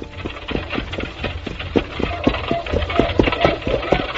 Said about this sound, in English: It was after dark as I started my return trip to the castle. I gave the horse a free rein and hoped for the best.